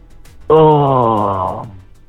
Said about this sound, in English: No, get your yawn out the way.